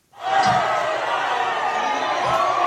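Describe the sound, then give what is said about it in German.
A large crowd of Indonesian football fans on the Maluku Islands roars and cheers continuously and loudly, celebrating Germany's national team after its first World Cup match, a 7-1 win over Curaçao, with a dense wall of overlapping voices and a couple of dull thumps buried in the noise. “Schon nach dem ersten Deutschlandspiel in der WM ist der Jubel auf den Molukken groß.”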